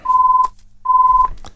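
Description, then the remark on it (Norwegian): A telephone rings for an incoming call during a bingo number draw: two steady, clear electronic beeps of equal pitch, each about half a second long, separated by a short pause, heard alone and fairly loud. “Og der ringer det.”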